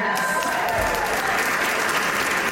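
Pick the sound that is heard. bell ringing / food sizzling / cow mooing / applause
applause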